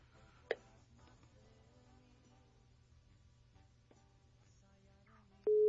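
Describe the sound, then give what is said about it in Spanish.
Electronic phone tones over a low steady hum as a phone call is transferred to voicemail: a sharp click near the start, faint beeps, then a loud sustained beep tone cutting in at the end. “Tu llamada está siendo transferida y se cobrará al terminar los tonos siguientes.”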